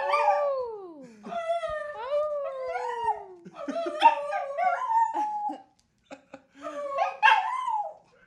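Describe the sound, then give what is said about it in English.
A dog named Finley howls on air in long, wavering, drawn-out cries that rise and fall, with a brief pause before one more howl near the end; loud with no talking. “We might try to make Finley howl on air.”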